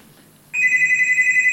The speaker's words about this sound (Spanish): Suena el teléfono ya. Ya, por favor.